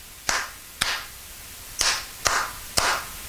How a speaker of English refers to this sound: There'd be that one hand just clapping. And I thought, that is hilarious how they do that. It's like the last guy in the audience.